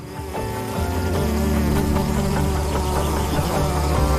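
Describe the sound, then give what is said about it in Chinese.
A honeybee buzzes steadily while hovering above flowers, a droning hum with rich harmonics that swells slightly after the first half second and holds level to the end, with no voices. “蜜蜂在花朵上方悬停时，会感知体表的绒毛是否在电荷的影响下发生了轻微的移动。”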